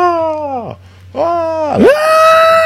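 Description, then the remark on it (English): A single voice mimics roller coaster riders screaming, loud wailing yells that swoop down in pitch twice, then rise into a sustained shrill howl. “Everybody yelling on a roller coaster, just yelling all day, every day.”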